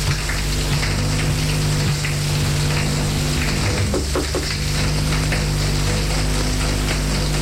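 Steady, dense hiss of running shower water spraying and splashing continuously, fairly loud, with a low hum underneath and no voices.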